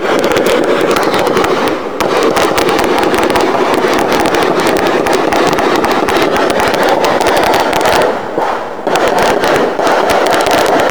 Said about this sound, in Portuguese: Segundo a corporação, equipes do Batalhão Patamo faziam um reforço no patrulhamento quando foram surpreendidas a tiros por traficantes. Houve então um intenso tiroteio e as imagens foram gravadas por moradores.